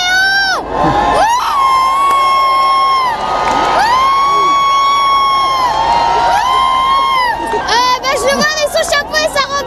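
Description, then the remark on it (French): A large crowd pressed against security barriers cheers loudly and continuously as the pope passes standing in his popemobile, arms outstretched toward him, with high-pitched shrieks and sustained whoops rising and falling over dense excited shouting. “Oui, bien, écoutez, la foule, c'est comme soulevée ici au passage Lyon 14.”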